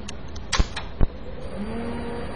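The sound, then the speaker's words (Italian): A PDP-11 minicomputer powering on as its processor switches on: two sharp mechanical clunks, then a steady electrical hum with a faint whine that rises gradually in pitch as the machine starts. No one speaks. “La macchina si è avviata, vale a dire che il processore si è acceso.”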